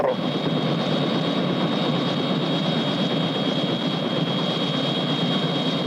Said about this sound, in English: Mr. President, isn't that your helicopter over there? They're all my helicopters, Jack.